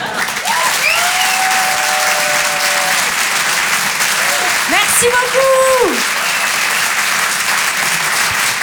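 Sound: audience applause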